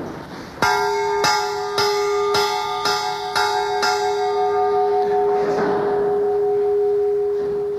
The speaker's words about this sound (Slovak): aby sme sa pristavili pri zvone Pavla Ranka z Trenčína, ktorý počas celej Prvej republiky vyrábal v Trenčíne zvony